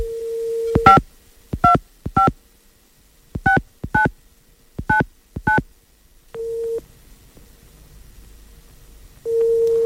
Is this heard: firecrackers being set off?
no